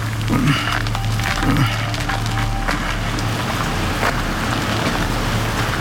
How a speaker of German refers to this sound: Und? Alles ruhig. Nur der Wind bringt die Blätter zum Rauschen. Dachte ich es mir doch. Was für ein stolzer Baum. Gute 200 Jahre soll er schon hier stehen.